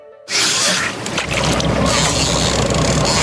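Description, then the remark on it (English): A fishing boat running on water: after a brief quiet start, a loud, steady roar of engine rumble, rushing spray and wind noise fills the rest, with no voices. “Come see for yourself and check out the most advanced plate aluminium fishing boats on the market”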